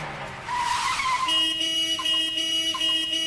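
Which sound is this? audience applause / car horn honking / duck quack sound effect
car horn honking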